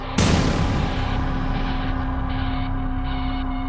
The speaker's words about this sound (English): After that female scream, I heard 2 gunshots. And then there was a 6-second pause, and I heard a 3rd and final gunshot.